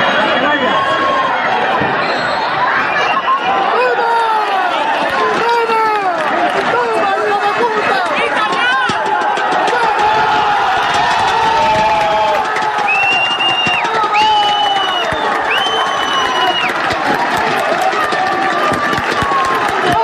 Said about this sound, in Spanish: Porque así sonaban las gradas del pitido final del Calvo Sotelo 1, la Solana 0, con el que el equipo de fútbol de Puerto Llano ascendía ayer a eso de las 8 de la tarde a segunda ref, tras proclamarse campeón del grupo 18 de tercera división.